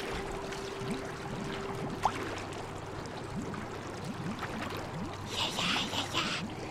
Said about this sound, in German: Aber eisiges Wasser umspülte bereits seine Knöchel.